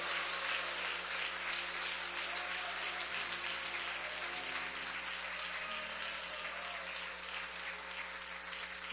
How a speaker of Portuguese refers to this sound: Vamos receber o consagrado homem de Deus com palmas e glória para Jesus.